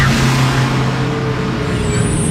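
A large bus roars past, its loud engine rumble and road noise filling the moment, with a hissing, squealing air-brake tone rising toward the end.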